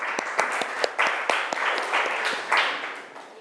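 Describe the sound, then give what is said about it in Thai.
A class claps together for a classmate in a burst of applause, with many overlapping sharp hand claps at a steady, lively rhythm and moderate loudness, with no talking. “โอเคอ่ะปรบมือเพื่อนหน่อยค่ะ”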